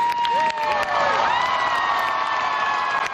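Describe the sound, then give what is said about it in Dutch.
A crowd bursts into loud, sustained applause and cheering for a 21-year-old student performer, with high whoops and shouted voices rising over the dense clapping throughout. “Oh my god, luid applaus kreeg deze student van 21.”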